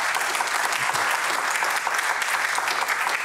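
An audience applauds steadily, a dense wash of many hands clapping at an even, fairly loud level with no voices rising above it.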